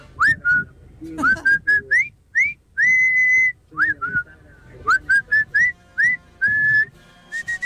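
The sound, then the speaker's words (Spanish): A person whistles a lively film theme melody, a string of short swooping notes with one long held tone partway through, clear and fairly loud with no talking. “Ya votó. Votó Silbando. Muy bien. Silbando está bien.”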